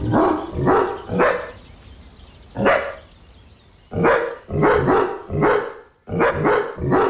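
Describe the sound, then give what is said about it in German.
A dog named Cooper barks about a dozen times in short, loud, rhythmic bursts, grouped into phrases with brief pauses between them. No one speaks. “Welcher Song wird hier gebellt, miaut, gepiept oder gewiert?”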